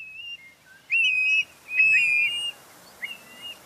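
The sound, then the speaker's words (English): A plover calls in clear, whistled notes: two strong drawn-out whistles close together, a softer rising note after, with a faint quiet background and no talking. “I've never been lucky enough to see one of these birds, but I have told you it is a type of plover. It lives in wetlands and coastal areas.”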